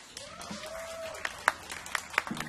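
Scattered applause from a crowd: irregular, fairly sparse claps with a few sharper ones standing out, heard at a moderate distance over a faint background murmur.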